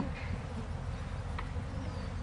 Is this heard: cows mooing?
no